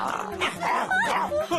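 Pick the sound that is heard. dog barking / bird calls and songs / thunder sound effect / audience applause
dog barking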